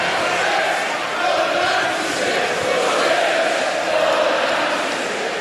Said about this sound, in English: For 2 minutes, the crowd chanted for justice for those who died.